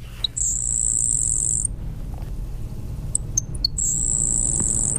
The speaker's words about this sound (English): bird that makes an unusual sound in our area as well would be the grasshopper sparrow, which is a lot more common, but like its name suggests, it definitely has a sound that's almost insect-like as opposed to what we would consider a general song.